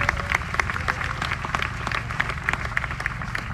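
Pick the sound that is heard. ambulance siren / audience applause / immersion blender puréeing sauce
audience applause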